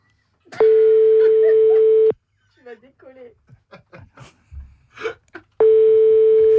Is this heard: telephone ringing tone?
yes